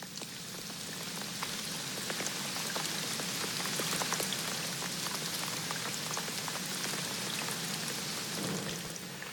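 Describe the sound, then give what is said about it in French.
Steady rain falls continuously on a quiet, little-used street at night, a dense hiss of drops with scattered sharper taps on hard surfaces, at an even moderate level with no voices or other sounds. “Imaginons que nous sommes dans une rue la nuit, assez peu fréquentée, et il pleut.”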